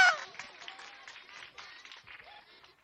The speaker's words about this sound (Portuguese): Palmas pra ela!